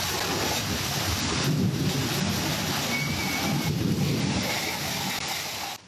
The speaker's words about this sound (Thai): แรงมากคุณผู้ชมดูต้นไม้ฝั่งตรงข้าม ลู่ลม แบบถ้าจะติดกับถนนแล้วอ่ะคุณผู้ชมเอาจริงๆอ่ะได้ยินเสียงลมได้ฝนแล้วมีฟ้าแลบด้วยนะครับอันนี้อันตรายจริงๆนะนี่เป็นพื้นที่ยะลาแบบฝนตกแบบไม่ลืมหูลืมตาเลยนะครับจุดนี้เขาบอกคือถนนผังเมือง4ตำบลสเตงอำเภอเมืองยะลา